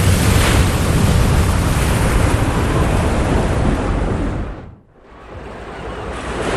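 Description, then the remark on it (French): Loud, roaring surf and wind of giant waves in a thunderstorm at sea fill the air in a dense, continuous wash, dipping into a brief muffled lull near the end before the rushing water swells back up. “Un orage éclate, tu es projeté hors du bateau, tu essaies de nager mais les vagues gigantesques t'avalent.”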